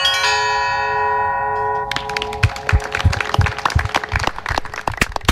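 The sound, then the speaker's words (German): Church bells, struck by hand by a bell ringer using both hands, ring out with long, shimmering overtones for a couple of seconds, then a burst of steady applause for the bell ringer takes over while the bell tones fade underneath. “der mit seinen beiden Händen ganz virtuos die Glocken schlug.”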